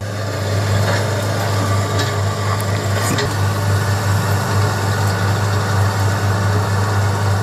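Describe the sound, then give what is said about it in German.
A heavy diesel excavator engine runs steadily at idle with a deep constant rumble, continuous, with faint scattered knocks and clatter on top, at a river gold-mining site where large heaps of earth are dug up. No one speaks. “Aber dieses Mal ist ein Traktor, oder? Ja, das ist ein Bagger.”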